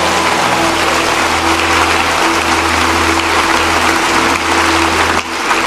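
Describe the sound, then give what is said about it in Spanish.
An audience applauds the Lord, a dense and loud wash of steady clapping lasting about five seconds before briefly dipping near the end, with a low constant hum underneath and no voices. “Para dar el mejor aplauso que le hayas dado al Señor.”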